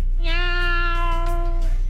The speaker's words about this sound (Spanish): Oye, no, yo quiero poner pero gatitos, para que se vea más chido. Un gatito, miau. Algo así.